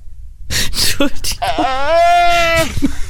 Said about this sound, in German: Da lohnt es sich im Moment ganz genau mal hinzuhören. Die Geburtensaison ist nämlich losgegangen. Und das sind Seehundbabys.